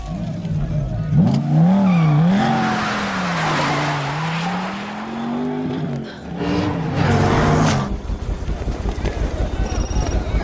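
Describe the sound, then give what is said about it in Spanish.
A car engine roars and revs, its pitch rising and falling as it speeds, with bursts of screeching tires and skidding, followed by a rapid rattling clatter. “¿Qué tan veloz es este auto?”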